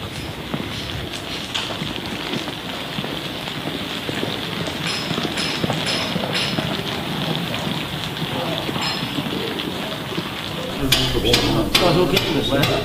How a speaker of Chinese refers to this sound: 你看这两天不停的下雨。 嗯。 对，这雨天对这个壁画的这个施工啊影响太大，因为湿度变化非常大啊。